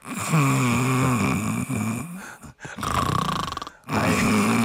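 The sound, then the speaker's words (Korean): A person imitates snoring with their voice, making the sound while breathing out, producing rough, rattling breaths in a few long drawn-out bursts separated by brief pauses, loud. “코골이를 개인기로 하신다고요?”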